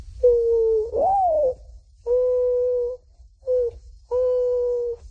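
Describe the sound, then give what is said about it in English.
A 12-year-old boy imitates a mourning dove's call, giving four soft, hollow cooing notes, the first swooping upward, then steady drawn-out coos separated by short pauses, clear with no talking. “First, the morning dove.”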